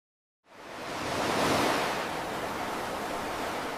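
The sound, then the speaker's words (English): After a brief silence, a broad roar of ocean surf swells up, peaks, and settles into a steady, loud wash of breaking waves, with no voices. “I love the roar of the ocean and the sounds of the seabirds.”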